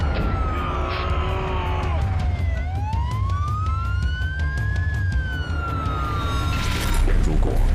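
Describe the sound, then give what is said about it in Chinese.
A loud ambulance siren wails, its pitch sweeping slowly up and down over a steady rumble of engines and street noise, with some background voices mixed in, as the ambulance is stuck on a blocked road into a residential compound. “哎，救护车卡死了，卡死了，用力，用力啊！”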